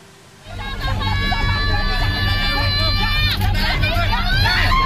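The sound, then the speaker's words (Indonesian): Mothers scream hysterically in a crowd as they block heavy equipment about to demolish Pamjaya official housing on Jalan Penjernihan, with sustained, high-pitched wails rising over loud, constant crowd hubbub and a low mechanical rumble that continues throughout. “Teriakan histeris ibu-ibu ini menjadi benteng terakhir untuk menahan laju alat berat yang hendak meratakan bangunan yang telah mereka huni selama puluhan tahun.”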